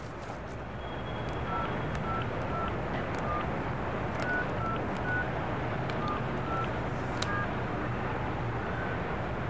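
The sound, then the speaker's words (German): A string of short electronic keypad beeps, about a dozen at slightly varying pitches and uneven spacing, as a phone number is dialed on a mobile phone over a steady background hiss. “Wir rufen Gudrun an”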